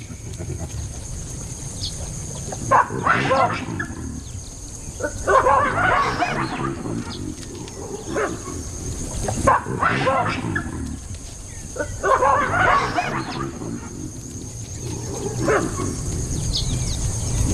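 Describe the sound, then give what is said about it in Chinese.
Harsh, barking calls of baboons, which have surrounded a pack of African wild dogs and are taunting them, come in loud repeated bursts, rising and falling in clusters over a steady low rumble, with short yips and grunts mixed between the louder outbursts. “他们发出挑衅的叫声，试探非洲野犬。”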